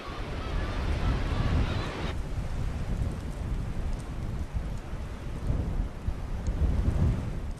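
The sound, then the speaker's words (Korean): Strong dawn wind roars steadily while heavy sea waves crash and surge underneath at a harbor still in darkness, a loud, continuous rumbling wash of noise with no voices. “오늘따라 새벽바람이 심상치 않은데요. 파도마저 성난 듯 몰아칩니다.”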